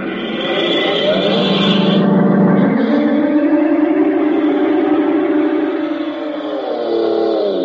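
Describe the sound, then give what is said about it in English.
A car engine revs loudly and pulls away, its droning pitch climbing and shifting steadily for several seconds with no voices, continuous. “And then he dashes out of the house and leaps into his car.”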